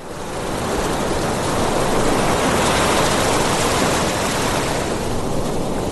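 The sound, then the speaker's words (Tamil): A steady, broad roar of sea surf washing onto a beach, loud, swelling slightly in the first second and then holding constant with no voices. “என்னம்மா, நீ கேட்ட மாதிரியே அப்பா உன்னை கடற்கரைக்கு கூட்டிட்டு வந்துட்டேன்.”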